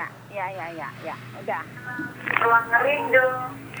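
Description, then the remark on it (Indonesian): A radio plays in the background of a phone call from a caller in Simpang Muara, its voices and music thin and band-limited, running under the caller who talks over it. “Bisa dikecili Bu suara radionya?”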